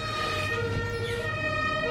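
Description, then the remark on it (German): A fire engine siren outside wails steadily, its tonal pitch holding high over a low rumble of traffic, loud and continuous for the whole two seconds with no voices. “Oh, jetzt ist aber die Feuerwehr da draußen.”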